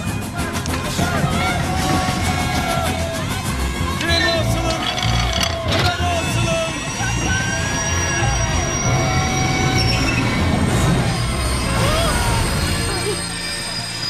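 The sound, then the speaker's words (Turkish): A train brakes hard as it is being stopped, its wheels letting out sustained high-pitched metallic squeals over a heavy, continuous rumble of rolling cars, loud throughout. “Treni durdurun.”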